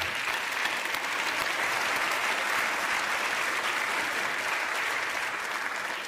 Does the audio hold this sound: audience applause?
yes